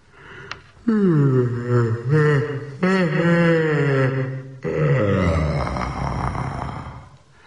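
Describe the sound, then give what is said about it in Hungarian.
A long, loud yawn performed by a voice, drawn out over several seconds in groaning, falling-pitch stretches with brief catches, then swelling again into a second breathy sweep before trailing off. “Lehajoltában hóri ordó ismét ásított, aztán megszólalt.”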